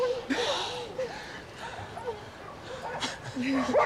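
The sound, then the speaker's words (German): Several dogs bark and whimper in overlapping bursts, with high yips and whines rising and falling throughout, fairly loud and continuous. “Ja, Teddy, hier sind jede Menge Hunde.”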